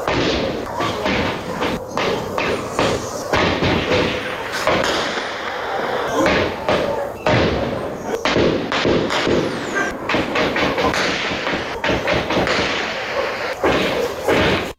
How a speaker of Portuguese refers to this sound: a gente tem inclusive um registro em áudio desses disparos aí, só para o nosso ouvinte conseguir entender, vamos ouvir.